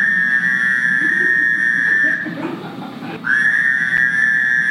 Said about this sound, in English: Next comes the Fowler's toad, which looks like an Eastern toad, but sounds very different.